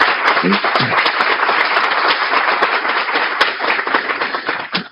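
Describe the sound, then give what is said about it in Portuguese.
Sustained audience applause for Deputy Bruno Sambelli at a São Paulo state legislative session, a dense steady wash of many hands clapping at a fairly loud, even level for about five seconds, with a few sharper claps standing out before it thins at the end. “Gostaria de pedir, por gentileza, uma nova salva de palmas ao deputado por essa importante iniciativa.”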